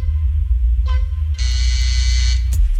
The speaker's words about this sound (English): Oh, I heard the buzzer. I don't know. Pass. Okay, buzzer went off.